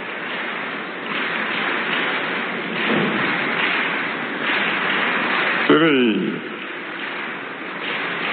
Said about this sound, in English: Now, those of you who are clapping, your hands will never wither. The more you clap, the more you will prosper.